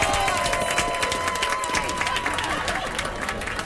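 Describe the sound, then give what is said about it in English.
A steady round of applause from a crowd marking a wrap on filming, dense clapping with scattered cheers, holding loud and even for a few seconds. “Do we have a round of applause?”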